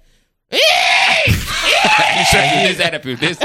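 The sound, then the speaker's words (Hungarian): A person imitates a hooded crow, letting out two loud, harsh, strained caws with an arching pitch, then trailing off into a few choppy, breathy sounds. “Add a varjú hangot.”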